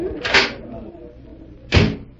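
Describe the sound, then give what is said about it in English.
A door opening onto a terrace is handled: a latch clunks open, and about a second and a half later a second solid knock as it swings shut, over a low murmur of room noise. “Here, this door opens onto it.”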